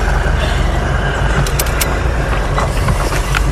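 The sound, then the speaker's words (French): An off-road 4x4 vehicle engine runs steadily in a steep valley, a loud, constant low rumble with a few brief rattling clicks partway through and no one speaking. “Alors ça, c'est un 4x4 tout terrain.”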